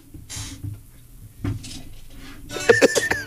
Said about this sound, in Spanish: El cermeño, ¿no? Este que está haciendo... Las sillas vienen... Viene y baja todas las sillas el cermeño.